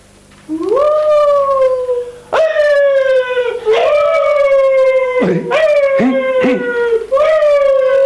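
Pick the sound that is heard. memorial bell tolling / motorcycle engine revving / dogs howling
dogs howling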